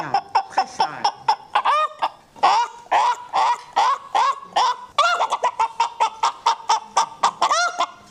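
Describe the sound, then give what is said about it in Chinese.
A person loudly imitates a countryside hen's cackle after laying an egg: quick runs of nasal, clucking calls in bursts, each run ending in a drawn-out squawk, energetic, with no talking. “刚才是学的鸟，你看咱农村的那个小母鸡下蛋，它的声音就不一样了。”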